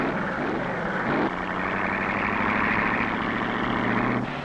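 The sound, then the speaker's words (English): Loud race car engines roar continuously as cars go out onto a timed track one after another, their pitch shifting as one car pulls away and another follows. No voices are heard. “Car after car goes out.”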